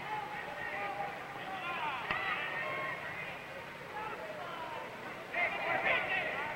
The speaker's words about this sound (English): And it's the crowd yelling advice to Matheny, saying, come on, keep your eye on that killer Austin.